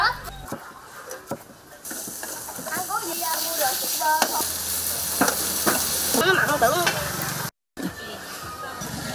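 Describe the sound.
Steady sizzling and crackling of coconut palm grubs frying with garlic and fish sauce in a hot pan, with scraping stir sounds and faint voices in the background, briefly cutting out near the end.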